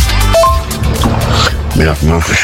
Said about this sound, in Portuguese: Eu dei engasgada com a água aqui.